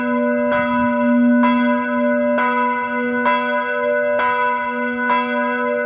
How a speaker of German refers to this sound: Glockengeläut ist zu vernehmen. Feldgottesdienst an der USH.